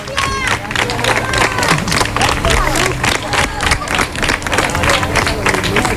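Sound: crowd applause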